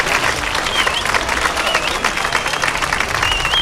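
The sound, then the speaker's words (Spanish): Sustained, dense applause from teachers and students of the Instituto José Cadalso in San Roque, Cádiz, Spain, at the end of a protest gathering, steady and loud throughout with a bright, crackling texture of many hands clapping, a few faint whistles cutting through. “Ovación cerrada por parte de profesores y alumnos del José Cadalso al término de la concentración de repulsa”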